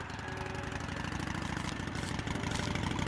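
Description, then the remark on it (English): A bus engine idles with a steady, throbbing low rumble and rapid mechanical pulsing, growing slightly louder toward the end as the bus drives off. No voices. “You see that bus? Yes. I mean, yeah. I checked it out. What gives? Drove off right in front of me.”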